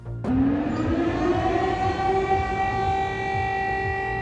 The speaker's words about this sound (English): Air raid sirens are heard in Ukraine as Russia targets both Odessa and Kyiv.